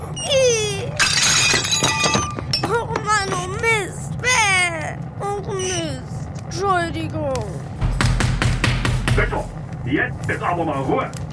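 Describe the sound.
Pottery shards, two pieces that were being held pressed together, are let go and drop and shatter with a sharp crash, followed later by a second rattling burst of breakage, while voices talk excitedly throughout.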